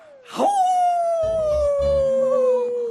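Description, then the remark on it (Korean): A single long, sustained wolf howl rises quickly and then slowly glides downward in pitch for about two and a half seconds, loud, with low rumbling underneath midway through. “늑대 소리가 났는데?”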